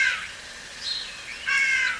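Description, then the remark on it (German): A starling imitates a crow's harsh caw, giving a few rough, scratchy calls in short bursts, clear with no other sounds around. “Hier ist ein Star, der wie eine Krähe ruft.”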